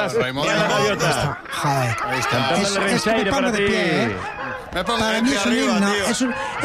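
Seagulls call loudly, their overlapping squawks and laugh-like cries rising and falling in a steady, crowded chorus that fills the whole few seconds.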